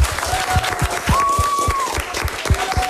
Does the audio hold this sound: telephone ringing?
no